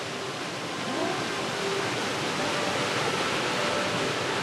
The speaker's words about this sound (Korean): 야, 아주 규모가 크진 않지만 그래도 멋진 폭포가 있어요. 햇살이 뜨거워서 보기만 해도 시원했습니다.